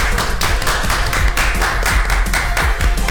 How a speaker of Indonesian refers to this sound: Tepuk tangan dulu boleh gak sih?